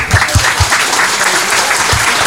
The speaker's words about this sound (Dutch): Ik vind dat al die mensen een schoon applaus verdienen.